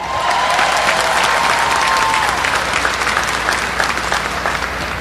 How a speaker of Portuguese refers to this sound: À medida que cada um se apresentar, você pode acolhê-los também com uma salva de palmas.